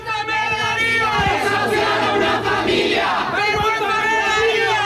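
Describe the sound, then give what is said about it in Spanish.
A crowd of protesters from various organizations and unions shouts condemnation in unison during a family's eviction from their home, loud overlapping voices forming a steady, chant-like roar that barely lets up for about five seconds. “en medio de los gritos de condena de varias organizaciones y sindicatos.”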